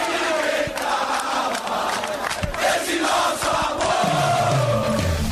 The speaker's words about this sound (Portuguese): Força da torcida, o grito de guerra, a presença, o apoio, o aplauso, tudo faz diferença.